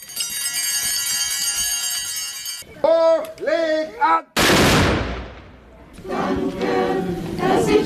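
A single loud black-powder cannon shot (Böllerschuss) is fired at the Corpus Christi procession in Siblingen, after the first blessing before the altar. It booms out and rolls away in a long fading rumble, breaking in after sustained tones and voices, and the church choir sings afterward.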